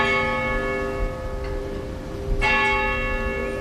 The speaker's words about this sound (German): Das Glockenläuten der altehrwürdigen Spitalkirche ist immer noch stündlich in der ganzen Stadt zu hören. Lange Zeit war diese Kirche, die zum Spital gehörte, ja auch die Hauptkirche in dem Städtchen.